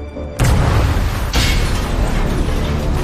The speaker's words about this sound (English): an explosion rocks Schulze's U-boat.